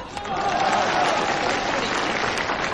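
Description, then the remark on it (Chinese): An audience at a New Year greeting performance claps steadily in a dense wash of applause, the men in the crowd clapping warmly, loud and sustained for the whole stretch with no one speaking clearly over it. “因为我发现男同胞的掌声啊热烈。”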